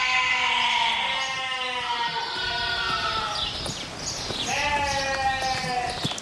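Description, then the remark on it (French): Recently born piglets, about two weeks old, squeal steadily with their mother and other pigs in an enclosure, high-pitched cries overlapping and rising and falling almost continuously, with soft knocks and rustling of animals moving around them. “Ici, un enclos avec des cochons et des porcelets qui sont nés récemment.”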